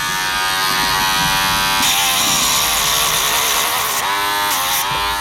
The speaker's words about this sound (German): sieht man gut, bis woher man die Nägel abschleifen kann. Man sieht es beim Schleifen, in der Mitte des Krauen wird es so ein bisschen wie weicher. Und wenn das nach vorne kommt, dann weiss ich, jetzt bin ich am Limit und muss hören.